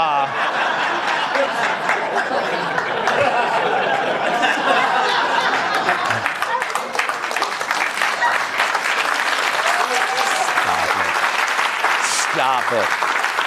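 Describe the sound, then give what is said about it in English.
A crowd bursts into steady, dense applause in response to a joke about a children's book title, holding for over ten seconds, with scattered chuckles and laughter mixed into the clapping. “Stop it. Don't even applaud.”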